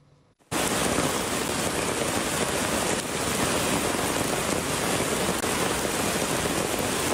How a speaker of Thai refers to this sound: ท่ามกลางฝนที่ตกอย่างต่อเนื่องชาวบ้านต้องเฝ้าระวังกลัวว่าสถานการณ์น้ำป่าจะรุนแรงไปมากกว่านี้จุดนี้คือบ้านเทิดไทยตำบลเทิดไทยอำเภอแม่ฟ้าหลวงมีฝนตกลงมาอย่างหนัก